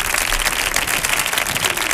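Dense audience applause for two performers fills the whole stretch, many hands clapping at once in a steady, bright wash of overlapping claps with no voices standing out.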